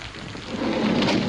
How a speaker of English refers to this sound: Raining. A bit.